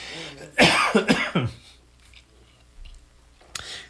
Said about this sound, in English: Ooh, hope I don't start coughing.